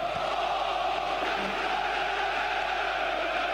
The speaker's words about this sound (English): Infringement for Ghana, and look at the Ghanaian crowd at the Cardiff Stadium. Very ecstatic. They are happy. They are jubilating, celebrating that goal scored a while ago.